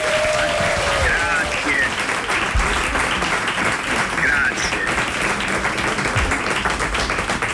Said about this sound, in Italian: Applauso!